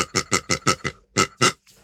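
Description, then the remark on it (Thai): A person mimics a pig on a Chula Radio Plus children's radio program, letting out a quick run of about seven snorting oinks in rhythmic bursts, fairly loud, with no talking. “นะครับแล้วก็พี่ไก่ของเราครับจากนั้นก็เป็นพี่หมูของเรานี่เอง”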